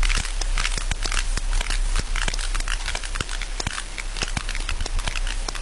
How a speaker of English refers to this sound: So these clicks, these sounds, is really the history of these most ancient whales on Earth.